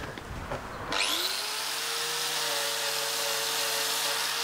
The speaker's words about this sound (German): Kannst du ja mal die Flex hergeben, dann können wir das machen.